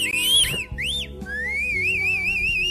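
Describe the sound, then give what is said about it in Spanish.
A person whistles a wavering, sliding melody with rising and falling swoops, clear, over a soft musical background with no talking. “Rapunzel estaba colgando sus calzones cuando de pronto escuchó un chiflido.”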